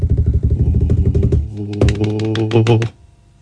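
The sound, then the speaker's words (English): A rapid, rattling drum roll, apparently done by voice, a fast buzzing trill that rises into a higher, tonal rumble for about three seconds before stopping abruptly, building up to the announcement of an IQ score. “Your IQ is, drum roll.”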